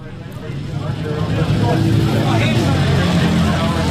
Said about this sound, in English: It's raining at Ruapuna Speedway, and all around me is the sound of thunder. But not just any thunder. Amidst the roar of British, European and American motorbikes that make up this event is the homegrown sound of the Britton bike